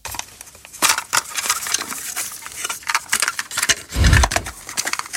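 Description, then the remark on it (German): Plastic clacking and rattling of a cassette player, a quick series of sharp clicks and clatters with a heavier thunk near the end, no talking. “Oh, dieses Plastikklackern. Pure Nostalgie. Der gute alte Kassettenspieler im Kinderzimmer damals oder als Walkman unterwegs.”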